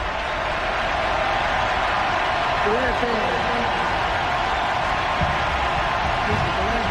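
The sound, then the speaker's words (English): A huge stadium crowd at Doak Campbell Stadium performs its war chant in unison during a football game, a dense, echoing roar of thousands of voices rising and falling in a steady melodic pattern, loud and continuous throughout. “War chant echoing throughout Doak Campbell Stadium.”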